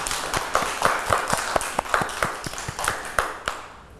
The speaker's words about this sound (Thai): เด็กๆเก่งมากเลยค่ะปรบมือให้ตัวเองด้วยค่ะ